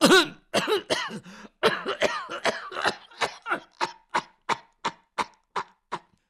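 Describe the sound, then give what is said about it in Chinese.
A storyteller imitates an old woman's coughing fit: a rapid, raspy cluster of coughs that slows into a steady run of evenly spaced, fading coughs, clear with no talking. “老太太说到这里就开始咳嗽。”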